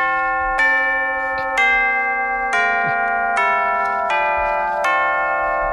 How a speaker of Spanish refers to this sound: ¿Sabes? Es un poco campana. Suena timbre. Es un poco timbre, sí.